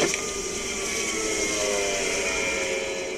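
A spacecraft's lower hatch opens after a completed Moon landing, with a steady, continuous hiss and layered high mechanical whine that holds at an even level for about three seconds, with no voices.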